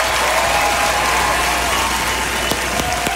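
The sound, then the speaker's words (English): Steady, dense applause from an audience fills the whole moment, a continuous wash of many hands clapping at an even loudness, with a few sharper individual claps standing out near the end. “Yeah, let's applaud that.”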